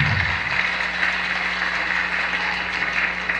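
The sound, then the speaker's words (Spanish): A crowd breaks into sustained applause for the Lord, a dense steady wash of many hands clapping at once that stays loud and even throughout, with no voices standing out above it. “Denle fuerte aplauso al Señor.”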